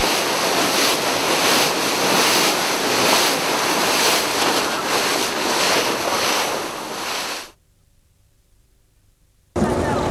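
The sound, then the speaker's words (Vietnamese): Loud, steady roar of waves in New York harbor by the Statue of Liberty, in the USA, mixed with gusty wind noise, cutting out abruptly for a couple of seconds before surging back in at the end. “Tượng Thần Tự Do ngay cửa biển New York này”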